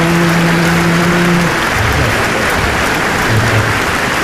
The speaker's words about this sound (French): C'est elle qu'il faut applaudir. C'est elle qui faisait tout le boulot.